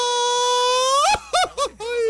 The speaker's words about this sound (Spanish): te sale el grito de mariachi? ¿El cuaco? A ver. Más o menos, ¿eh? A ver.